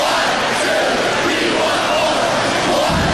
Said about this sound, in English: Badger hockey fan knows that cheer.